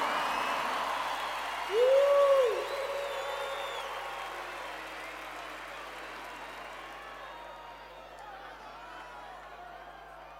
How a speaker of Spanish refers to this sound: fuertes aplausos.